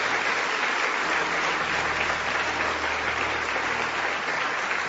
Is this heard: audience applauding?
yes